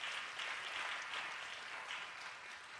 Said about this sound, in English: So here's Peter saying, someone give Jesus a hand clap. Someone caught that.